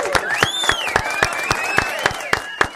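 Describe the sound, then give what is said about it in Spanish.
Steady, rhythmic clapping, about ten sharp claps in under three seconds, over a continuous gliding, melodic tone in the background; applause given in memory of a teacher. “¿Le podemos brindar un aplauso?”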